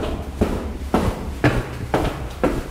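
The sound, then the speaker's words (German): Footsteps walking down to the cellar to check the cellar door: about six firm, even steps at a steady half-second pace, each a dull thud with a brief scuff, with no talking over them. “Besser, ich gehe mal unten an der Kellertür gucken, ob alles okay ist.”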